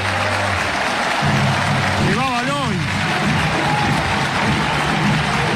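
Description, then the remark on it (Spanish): A football stadium crowd gives a sustained ovation for the Colombian player Valois as he leaves the pitch embraced by two doctors: a dense, steady roar of applause and cheering that holds at an even loudness, with a brief wavering whistle-like tone rising over it midway. “La ovación para el colombiano.”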